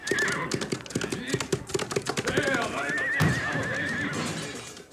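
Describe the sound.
A horse, the colt Proteo, whinnies loudly over a rapid, clattering clip-clop of hooves, busy throughout, with a long rising neigh near the end and voices shouting underneath, as it breaks out of the stable carrying two riders.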